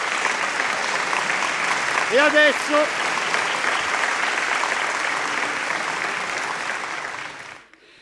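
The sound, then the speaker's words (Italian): Aboard a ship, a crowd applauds a singer in a dense, steady wash of clapping for about seven seconds. A voice briefly speaks over it before the applause cuts off quickly. “Signore e signori, ancora un applauso alla nostra”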